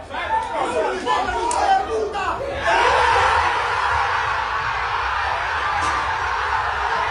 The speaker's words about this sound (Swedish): Men de blev väldigt glada i alla fall. Man hör deras jubel i den här videon. Vi kan lyssna lite på reaktionen.